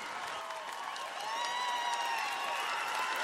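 An audience claps for a visiting music duo during a radio broadcast, in a dense, continuous patter for about three seconds, growing a little louder partway through, with faint cheering voices and tonal whoops mixed into the applause.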